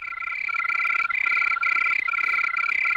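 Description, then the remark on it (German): A cricket chirps steadily, a high, pure trill broken into regular bursts about every half second, with no voices. “Von diesem Brummbär jetzt zur singenden Grille.”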